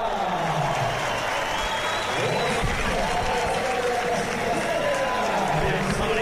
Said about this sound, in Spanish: Bueno, pues ovación para Enric Mas, que va a salir al podio, repito.